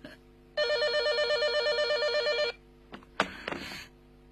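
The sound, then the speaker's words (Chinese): A telephone at the Hao family home rings with a rapid, warbling electronic trill for about two seconds, loud, then cuts off; a brief clatter and a short burst of noise follow. “哎呀，电话来了。”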